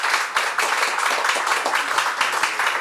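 Steady audience applause, a dense wash of many hands clapping at an even, sustained loudness with sharper individual claps popping through, and no voices.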